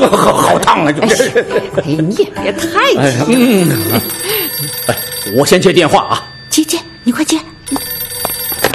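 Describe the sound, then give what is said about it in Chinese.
A telephone rings in repeated bursts partway through, its bright tone sounding under lively voices and some laughter from people talking. “我先接电话啊。”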